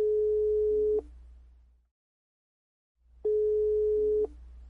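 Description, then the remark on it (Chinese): A phone ringback tone heard through the earpiece: two steady one-second beeps separated by a pause of about two seconds, over a faint low hum, with no voices. “看程林离开，阿坤顺手掏出手机。”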